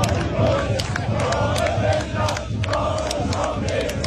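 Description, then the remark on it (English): A large crowd of Australian football fans chants loudly in unison, a dense, continuous roar of many voices with a rough rhythmic swell, filling the whole recording. “Have you heard the chant that the Aussies will play it again?”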